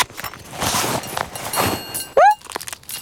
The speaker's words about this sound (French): Alors Toudou fouille farfouille dans son sac à dos.